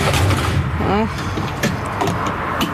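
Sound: cars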